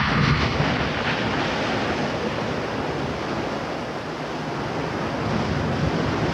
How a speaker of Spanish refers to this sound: Ya terminé con el pescado, Harvey. Eso y esas malditas olas rompiendo todo el día. Seis semanas en este agujero de vómito y escúchalo.